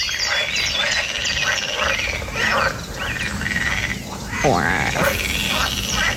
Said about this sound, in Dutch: Jullie hebben vast heel veel kikkergeluiden, maar toch maar even ook deze. Het zijn poolkikkers die verblijven in een van de poelen op het landgoed Erve Kostverloren bij Ruurlo.